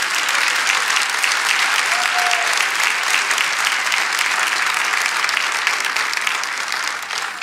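A crowd claps steadily and loudly throughout, applauding Jesus. It is a dense wash of applause that holds even before easing slightly at the very end.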